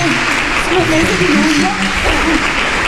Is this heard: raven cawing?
no